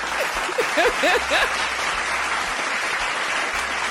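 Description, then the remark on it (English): A crowd of self-described positive people claps for themselves steadily for about four seconds, a dense, even wash of applause at a fairly loud level, with a few brief whooping voices rising over it near the start. “If you are a positive person, the same way I am a positive person, clap for your positive self.”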